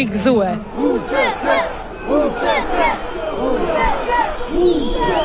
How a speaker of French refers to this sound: Entre drapeau albanais et kosovar, la foule crie son indignation.